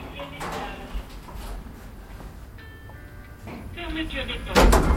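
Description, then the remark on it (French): Elevator doors creak and squeal as they slide shut, ending in a heavy metallic clunk, with faint mechanical rumble around them. “Les portes grincent en se refermant.”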